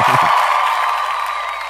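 A burst of cheering and clapping on a show for a contestant's correct answer, loud and sustained, with bright whooping voices over a dense wash of applause that tapers slightly toward the end.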